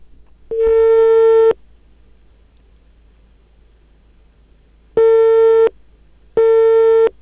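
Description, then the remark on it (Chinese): A telephone ringing tone sounds through the line: a loud, steady electronic beep for about a second, a long pause, then two shorter beeps in quick succession. No one answers; a call to the town mayor goes unanswered. “嗯，镇长果然没接。”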